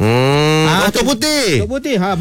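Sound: cow mooing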